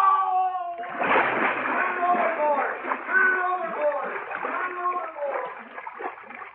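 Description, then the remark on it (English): A man falls overboard: a sudden splash into water about a second in, followed by several seconds of churning and splattering. Shouting, wailing voices ring out over the water noise as he cries for help. “Help! I fell in. Help me!”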